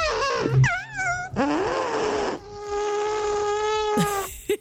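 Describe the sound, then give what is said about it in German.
A person in Hamm imitates an elephant with their mouth for a radio challenge to make an authentic elephant sound: a buzzing, brassy trumpeting with warbling pitch sweeps, a long sustained blare, then a sharp squeal at the end. “Wir haben gestern gewettet, dass wir niemanden finden in Hamm, der mit seinem Mund ein authentisches Elefantengeräusch nachmachen kann.”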